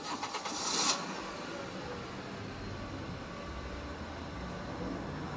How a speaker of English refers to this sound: With its newly rebuilt engine, my car was cruising up the interstate under full power.